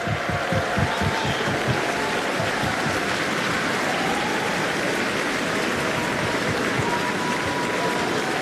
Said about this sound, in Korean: 네, 다시 한번 멋진 무대를 보여준, 감동적인 무대를 보여준 우리 어린이 합창단에게 큰 박수 보내주시기 바랍니다. 네, 기립박수가 이어지고 있습니다.